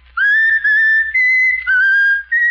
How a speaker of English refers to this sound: Now whistle my country tis of thee, Raffles. Whistle my country tis of thee.